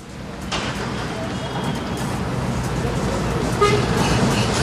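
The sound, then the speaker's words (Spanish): Steady roar of heavy traffic, mostly freight, on the 70-year-old Los Ángeles bridge, with engines rumbling and occasional horn toots cutting through, while a person speaks over the din. “En toda esta estructura siempre hay tránsito pesado porque conecta con la Sierra Central y nuestra capital.”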